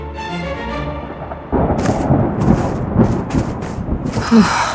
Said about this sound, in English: Storm coming. Good. It'll cover our tracks.